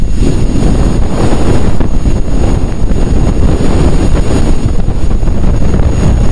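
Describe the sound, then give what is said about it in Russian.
Sonified solar wind recorded near Venus in 2021 by the BepiColombo spacecraft: a loud, unbroken roar of rushing, rumbling noise, heavy in the low end and resembling strong wind or engine drone, holding steady throughout with no voices. “У нас есть звук солнечного ветра с Венеры. Его записал в 2021 году аппарат Бепи Коломбо.”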